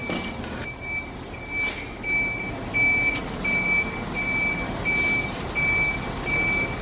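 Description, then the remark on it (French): A crane truck's reversing alarm beeps steadily, about once every three-quarters of a second, over a rumbling diesel engine as the heavy vehicle maneuvers into position to lay a boat on its side for caulking. No one speaks. “Et donc là, ils sont en train de mettre en place le camion pour la mettre sur le flanc pour faire donc le calfatage.”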